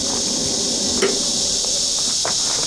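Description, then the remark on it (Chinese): Water sprays in a steady, hissing rush that runs without a break, moderately loud, with a few faint knocks and splashes underneath and no voices. “哎，你能停一停吗？我这跟你说话呢，停一停，你这溅得我一身都是。”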